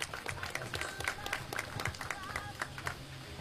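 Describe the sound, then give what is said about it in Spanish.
A crowd in the hamlet of Río Negro applauds to welcome Iván Mendoza Jaramillo, provincial mayor of Padre Abad. Overlapping hand claps form a steady stream that stays fairly even in loudness for a few seconds, with some murmuring voices underneath. “Lo recibimos con un fuerte voto de aplausos, por favor.”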